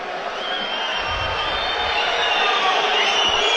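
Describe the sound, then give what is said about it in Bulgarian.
A dense, steady roar from a large stadium crowd at a football match, with what sounds like sustained booing and thin whistles from Botev Plovdiv fans rising over the din, loud and unbroken throughout. “Логични са и тези освирквания от трибуните, от феновете на Ботев Пловдив, но такава е реалността.”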